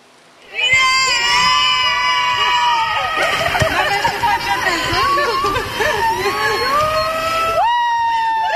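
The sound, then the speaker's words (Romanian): Actors from the cast of the film Eu Contez shout and cheer with joy, welcoming director Alina Șerban with flowers at Henri Coandă airport in Romania, high excited whoops and cries rising loudly over a bustling babble, with a fresh burst of yelling near the end. “Alina Șerban a fost așteptată pe aeroportul Henri Coandă cu flori și urlete de bucurie de câțiva dintre actorii care fac parte din distribuția filmului Eu Contez.”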